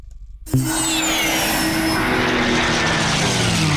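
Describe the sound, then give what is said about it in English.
A propeller warbird's engine roars in abruptly after a brief moment of quiet, then holds a loud, steady, throbbing drone with layered humming tones and no one speaking, in an advert for the Barrington Coast Air Show at Tari Airport. “Feel the roar at the Barrington Coast Air Show.”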